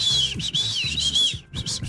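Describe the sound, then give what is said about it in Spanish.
A shrill, high emergency whistle, kept in an emergency kit for calling for help, blown in several short, loud blasts with brief breaks between them, the pitch wavering slightly, with no talking. “Un silbato. En caso de pedir silbato. Ayuda, ¿sí ven? Un silbato.”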